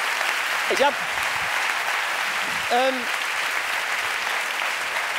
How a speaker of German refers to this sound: Gib mal einen Applaus